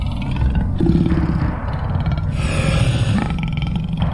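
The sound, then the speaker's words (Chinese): A group of aggressive male lions surrounding the listeners roar in deep, rumbling, throaty bursts that overlap into a continuous loud growl for about four seconds, with gruff grunting undertones and no voices. “这种咆哮声很可怕，非常可怕。”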